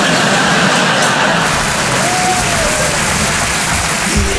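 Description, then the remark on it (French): An audience applauds steadily for a few seconds, a dense, loud wash of clapping that stays even throughout, with a faint whistle-like tone rising briefly in the middle. “Non, n'applaudis pas, tu sais pas ce que je veux dire.”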